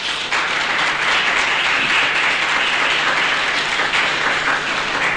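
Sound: audience applauding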